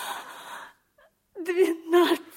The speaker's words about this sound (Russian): Ну, не плачь. Не плачь. Ну, я прошу тебя, не надо слез.